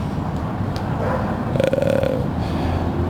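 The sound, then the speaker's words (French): A steady low rumble of an RER B train passing underground beneath a grating, with a brief whining tone and fluttering pulses rising midway before settling back into the drone. “Et puis ce bruit qui. Puis, en fait, là-dessous, c'est le RER qui passe le RERB.”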